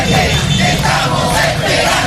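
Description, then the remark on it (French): A crowd of about a hundred protesters in Caracas, Venezuela, shouting together to demand the return of María Corina Machado, a loud, dense wall of overlapping voices and yells that stays steady and continuous with no pauses. “Une petite centaine de personnes étaient au rendez-vous hier pour réclamer haut et fort le retour de la très populaire Maria Corina Machado.”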